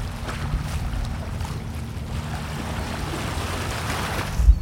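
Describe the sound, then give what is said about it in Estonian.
Steady, increasing wind at the edge of a bay in Kuressaare, a continuous low roar with a broad airy hiss over it, swelling briefly into a stronger gust at the very end; no voices. “Nüüd aga siit üha tuulisemaks muutuvast Kuressaarest, siin see lahesopi äärest, kus praegu seisan”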